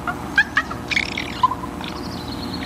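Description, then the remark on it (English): Soft bird comfort calls to its young: a few brief chirps and a short cluster of warbling notes, then a thin, high, sustained whistle, all over a steady low background hum. “It's called a comfort sound.”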